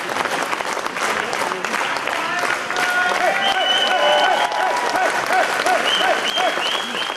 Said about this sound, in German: unter lautem Jubel in das Gästehaus Spiegelsberger ein.